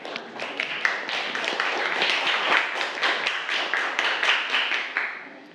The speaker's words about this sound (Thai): เก่งมากปรบมือกลุ่ม5ค่ะ